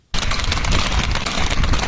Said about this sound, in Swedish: I Biscarrosse på den franska västkusten galopperar hästar genom staden i ren panik.